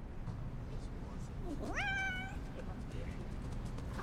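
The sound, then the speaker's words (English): A single drawn-out meow from Buttercup the cat rises in pitch and then holds steady for under a second, clear, over a constant low rumbling background; the cat is chasing a swirling flashlight beam in a bunker. “From her bunk, Katniss shines the light, swirling its beam to make the cat spin in circles.”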